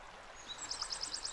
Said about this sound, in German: Im Harzvorland Richtung Braunschweig beruhigt sich die Oker und vereinigt sich mit kleineren Bächen zu einem gemächlich fließenden Fluss.